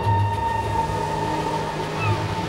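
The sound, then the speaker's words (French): A steam train races along the rails across France at full speed, with a steady, continuous mechanical rumble and faint tonal whine, moderately loud and unbroken throughout, with no voices. “Depuis peu, les trains à vapeur sillonnent la France à toute berzingue.”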